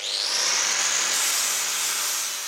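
Sounds of a car repair and radiator workshop in Potsdam, where cars are repaired and air-conditioning systems fixed: a loud, steady hissing whine from a power tool or air line, its pitch creeping slightly upward and holding for a few seconds, with no voices.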